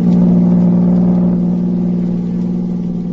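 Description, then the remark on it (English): A car engine hums with a steady, low-pitched drone, easing off slightly in loudness as the vehicle drives away, heading to General Tiviage's headquarters. No voices are heard. “The next morning, Agent B-9 and his assistant, Rita Drake, drove to General Tiviage's headquarters.”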